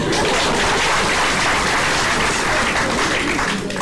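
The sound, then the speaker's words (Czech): Sustained audience applause for the citizens, a dense, steady wash of many hands clapping at a constant loud level throughout, with no voices standing out. “Žádám potlesk pro naše občany.”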